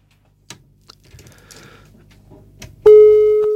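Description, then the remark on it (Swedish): A few soft clicks and line rustle, then a loud, steady telephone busy tone cuts in abruptly and holds to the end, after a caller's phone call dropped. “där försvann tydligen Anders på något sätt, så att jag får be honom ringa igen”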